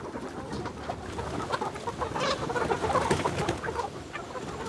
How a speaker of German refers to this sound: ihre Hühner noch beim Erkunden der Wiese.